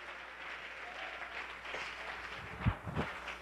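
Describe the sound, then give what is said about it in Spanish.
An audience claps together as an offering of applause to the one who lives, in a dense, steady burst, with a couple of sharper, louder claps standing out near the end; no one speaks over it. “Dele ofrenda de palmas al que vive, no se me duerma.”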